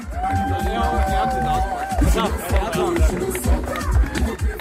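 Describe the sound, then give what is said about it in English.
A crowd claps and cheers for the youth walking the red carpet at a fashion event, in a dense, steady wash of noise, with a sustained high whistle-like tone at the start and babbling voices mixed through. “Give applause for the youth.”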